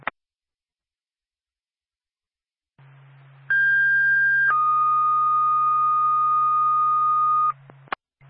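A fire dispatch paging alert over a radio, the second tone for Twin State Sugar Hill Fire for a fire alarm activation at 199 South Road, the Sugar Hill Town Garage: after a low hum, a steady high tone sounds for about a second, then drops to a lower tone held for three seconds, ending with a click.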